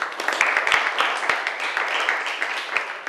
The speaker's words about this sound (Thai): เก่งมากปรบมือให้เพื่อนหน่อยค่ะ